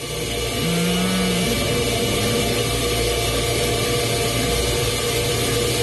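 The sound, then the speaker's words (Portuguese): A new white electric stand mixer runs steadily, mixing a mixture first blended in a blender. A dense, even motor whir with a constant hiss and a low hum throughout, no voices and no change in speed. “Na sequência, essa mistura que você passou no liquidificador, você vai agora passar na batedeira.”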